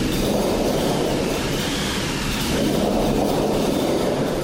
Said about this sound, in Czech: Tak nejenom rozeznívání plechu, ale k tomu jsou to válce naplněné sypkým materiálem a otáčením kliky dochází k přesýpání a je z toho déšť.